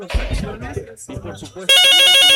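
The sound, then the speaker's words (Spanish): A telephone rings loudly with a steady electronic trill as a caller phones in to a football talk segment, starting abruptly and continuing to the end, following a short stretch of people talking. “Aquí suena la que buena.”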